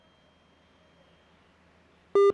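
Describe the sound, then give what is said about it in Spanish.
A quiet, empty phone line gives way to loud electronic beeps near the end: a steady tone that cuts off and restarts, the busy signal of a dropped call, with no one speaking. “No, bueno. No tenemos conexión con José.”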